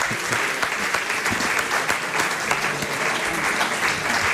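Steady audience applause fills the whole stretch, a dense wash of many hands clapping at even loudness, sounding close and lively with no voices standing out.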